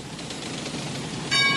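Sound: train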